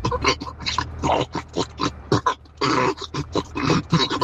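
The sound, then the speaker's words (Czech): A person imitates pigs on a farm grunting and squealing when feed is poured into their trough, a rapid, jumbled series of loud snorts and oinks that runs continuously with only brief pauses. “A tohle, když jsem jim vysypal do korítka, tak tohle se pak ozejvalo.”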